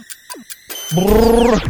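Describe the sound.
A few short clicks and taps give way to a loud, steady buzzing hum made by a voice imitating a neighbour's hammer drill, droning for under a second before cutting off.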